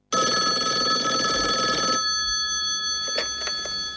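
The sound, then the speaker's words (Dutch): A telephone bell rings loudly and continuously for about two seconds, then cuts off, leaving a faint steady tone and a couple of soft clicks, like a receiver being picked up. It is a phone call from the federation to Team Jamaica. “En even later krijgen ze een telefoontje van de bond.”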